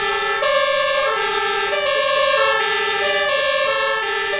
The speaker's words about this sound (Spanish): Son los coches de bomberos del Parque 31, del Parque Regional de Bomberos que tiene su sede en Parla, que hacían sonar sus sirenas este fin de semana